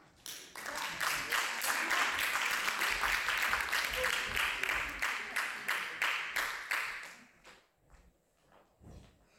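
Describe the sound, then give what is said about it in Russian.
An audience applauds loudly in a dense, sustained burst for several seconds as a pianist comes to the piano, then the clapping thins out into a few scattered claps and fades away. “А пока давайте, конечно же, искупаем в аплодисментах. Бурных аплодисментах.”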